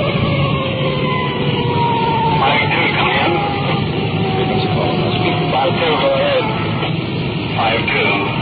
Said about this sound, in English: We've had in our siren, rolling code 3.